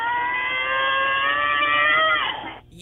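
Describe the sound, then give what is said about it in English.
A caller on the phone line imitates a monster truck RC car, holding a steady, buzzing motor whine for about two seconds before the pitch sags downward and it cuts off. “If you call me and give me your best impression of a Monster Truck RC car,”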